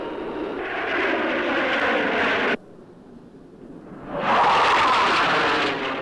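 Loud droning roar of propeller airplanes passing overhead, cutting off abruptly to a quieter rumble before a second surge of engine noise swells up close. No talking.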